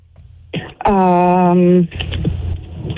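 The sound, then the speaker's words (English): A voice imitates keyboard typing with quick mouth clicks around a sustained, buzzy vocal tone, fairly loud, with rapid tapping continuing afterward as a woman types the word Google. “She's typing. Typing the word, Google.”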